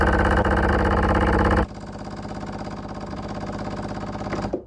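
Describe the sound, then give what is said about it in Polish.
The pump of a large espresso machine, set to deliver water, feeds water to a smaller machine. Its loud, steady mechanical buzz, with dense rhythmic pulsing, drops abruptly to a quieter hum that slowly builds before cutting off. “O, i teraz mamy już gotowy ekspres duży, żeby podał trochę wody do małego.”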